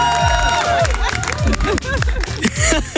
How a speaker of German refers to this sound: Da dürfen wir einmal hier großen Applaus.